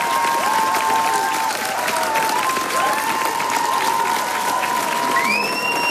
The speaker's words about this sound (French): Ah bah forcément, ça s'applaudit, hein.